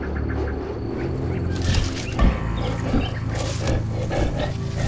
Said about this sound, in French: Caché derrière des buissons, ses compagnons et lui attendent. Ma foi, un lion.